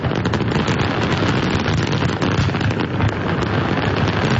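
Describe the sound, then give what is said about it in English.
A dense, continuous barrage of deep booming explosions from the grand finale of a colorful fireworks display at a crowd gathering, with heavy rumbling low end and no pause between blasts, loud throughout. “The grand finale. Really loud, really booming, and really colorful.”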